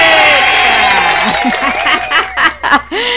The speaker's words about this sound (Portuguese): Isso que eu gosto de aplaudir quando ele tá por aqui, rapaz. Deixa eu botar palmas para ele.